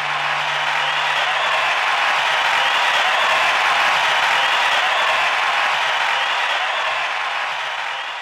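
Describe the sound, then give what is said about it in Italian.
Steady, dense applause from many hands, a continuous loud wash of clapping that holds evenly for about eight seconds and only eases slightly at the very end, with no voices; applause for a musical arrangement. “grazie, scusate, ma qui merita un applauso.”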